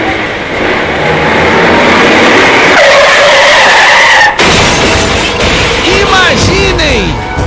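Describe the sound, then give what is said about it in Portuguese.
A car's tires screech loudly in a long, dense skid as the driver loses control on a road, then cut off abruptly into a harsh, noisy impact as the car hits the back of a truck, with warbling, rattling debris sounds trailing afterward, all loud. “Ele bate, ele se choca com o carro na traseira de um caminhão.”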